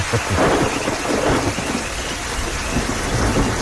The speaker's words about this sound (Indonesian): Baik, sejuk dingin suasana petang. Petang ini kalau ikutkan sekitar angkasa puri. Tadi hujan lebat lah tadi. Dengan ada bunyi guruh bagai.